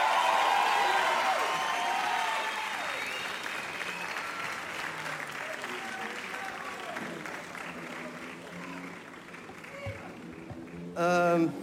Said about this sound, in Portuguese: uma grande salva de palmas para o Tiago